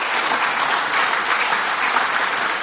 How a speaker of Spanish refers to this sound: De nuevo, dale a Dios un aplauso por esta afirmación y esta verdad.